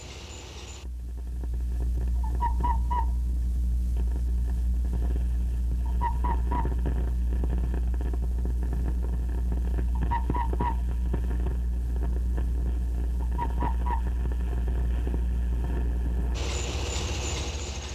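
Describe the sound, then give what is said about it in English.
A Mexican tree frog's chirp played back at a quarter of its speed: four drawn-out calls spaced a few seconds apart, each made of several quick pulses, the first stroke rather weak, over a steady deep rumbling hum. “Just to be certain that this peculiar sound was correct, let's slow him down to 1/4 speed.”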